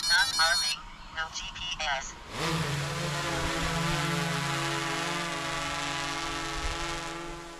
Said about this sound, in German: Wir fliegen alle Koppeln, die gemäht werden sollen, auf einer stehen wir jetzt gerade, mit einer Drohne inklusive Wärmebildkamera ab. Die fliegt in gleichmäßigen Bahnen über die Fläche und wir begleiten die Drohne zu Fuß